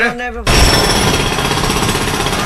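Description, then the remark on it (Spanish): A brief voice is cut off as a power drill suddenly starts, loud, grinding steadily without pause until the end. “Eso fue lo que tú grabaste ahorita cuando estábamos fuera del aire. Dios. El taladro.”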